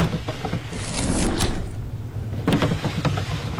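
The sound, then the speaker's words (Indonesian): Wooden desk drawers slide open one after another, two scraping, rattling pulls with small knocks in between, moderately loud, with no one talking. “Ia pun membuka satu persatu laci meja.”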